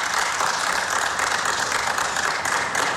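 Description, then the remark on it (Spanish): Steady, dense applause for Lionel Scaloni fills a press conference room, a continuous crackle of many hands clapping at an even loudness throughout, with no voices breaking through. “E aí recebe os aplausos lá na sala de coletiva.”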